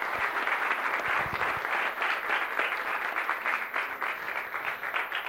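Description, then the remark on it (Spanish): An audience at a Eucharist breaks into sustained applause for someone celebrating a birthday, a dense, steady wash of many hands clapping at once that fills the whole stretch at an even, fairly loud level with no pause. “Un fuerte aplauso que cumple muchos años.”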